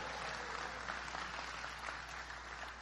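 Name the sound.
audience clapping hands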